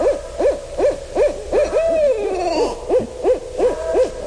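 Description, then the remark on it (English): A pair of barred owls duet in a fast, steady run of excited hoots, their calls overlapping, with one drawn-out, wavering, downward-sliding call rising above the rhythm midway. No one speaks. “This is when a pair gets together and they're excited because maybe there's another barred owl getting into their territory, and they get really worked up”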